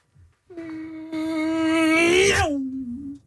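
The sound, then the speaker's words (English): A voice imitates a race car: a buzzy, sustained engine drone that builds louder and climbs in pitch for nearly three seconds, then sweeps down sharply like the car shooting past. “Go and do your impression. Of what? A race car.”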